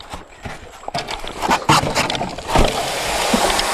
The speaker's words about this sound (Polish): I łódka jest zepchnięta teraz z piasku i płyniemy. Płyniemy do Manicora.